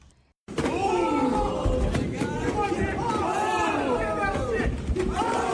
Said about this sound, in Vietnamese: Quý vị đang nghe âm thanh từ màn đấu võ tầm 60 giây giữa hai robot hình người đang thu hút sự chú ý trên mạng xã hội. Đây là trận đấu đầu tiên giữa robot Engine và robot Unity tại San Francisco